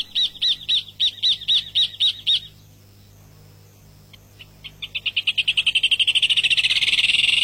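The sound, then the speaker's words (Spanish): A rufous hornero pair, male and female, duetting: a run of about eight evenly spaced piping calls, a brief lull, then rapid notes that accelerate into a loud, overlapping ringing trill, with no talking. “Bueno, ahí en ese canto, aunque parezca mentira, ahí hay dos aves cantando al mismo tiempo, el macho y la hembra.”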